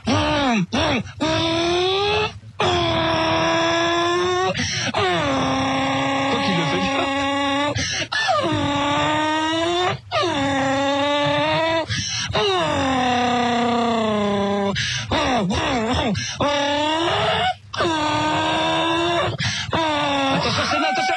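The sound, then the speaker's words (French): A single voice imitates a Formula 1 race car as a voice exercise, a loud, buzzing engine whine that climbs and drops in pitch like gear changes, run in long bursts with brief breath pauses. “J'arrive au plus à faire la voiture de course.”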